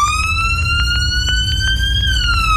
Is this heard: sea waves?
no